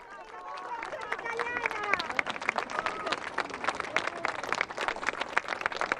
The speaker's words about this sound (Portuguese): Agora, a parte de fora, Santo Padre deixa o interior do edifício e vai para a Praça da Tolerância, onde nós vemos a presença de muitos funcionários da Unesco, que saúdam com um aplauso o Santo Padre.